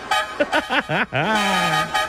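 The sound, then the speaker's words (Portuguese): A vehicle horn honks a quick run of short, bending toots and then holds one long, steady blast, loud, with no other sounds around it. “Chama na buzina, meu irmão.”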